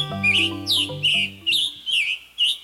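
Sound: warbler song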